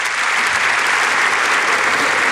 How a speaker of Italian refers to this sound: Sentite gli applausi per il presidente Mattarella